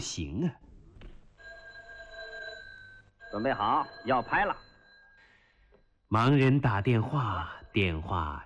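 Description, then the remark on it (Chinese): A telephone rings with a steady, sustained electronic tone for a few seconds, set between stretches of lively conversation that resumes loudly once the ringing ends. “盲人打电话，电话找盲人。你看都不让人喘口气。来了，来了。喂。”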